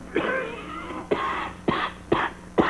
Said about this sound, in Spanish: Y esta tos es de perro, mire.